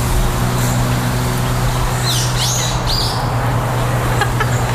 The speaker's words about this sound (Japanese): ちょっと考えてる間鳥のさえずりを聞きください。